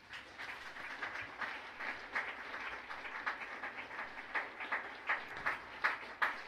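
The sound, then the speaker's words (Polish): An audience applauds steadily for several seconds, a dense, crackling wash of many hands clapping at moderate volume, with a few sharper claps standing out toward the end and no one speaking, as the Faculty of Mechanical Engineering is announced as this year's winner of the Professor Izydor Stella-Sawicki Cup at Cracow University of Technology. “Szanowni Państwo, w tym roku Puchar profesora Izydora Stella Sawickiego, założyciela i pierwszego rektora Politechniki Krakowskiej, otrzymuje jeszcze raz podkreślam, tak jest, Wydział Mechaniczny, proszę o wielkie brawa.”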